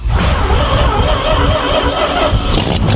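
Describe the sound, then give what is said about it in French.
A Citroën 2CV car engine runs steadily, a low rattling rumble with a faint buzzy whine above it, holding an even level throughout with no pauses. “Facile et pratique, c'est la voiture emblématique des Français.”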